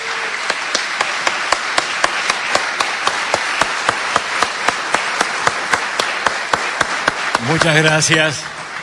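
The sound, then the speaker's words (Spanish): Loud audience applause welcoming Julio Lagos, steady and dense, with a strong rhythmic clapping in unison running throughout; a voice briefly rises above the crowd near the end. “Señoras y señores, le vamos a dar con un fuerte aplauso la bienvenida al señor Julio Lagos.”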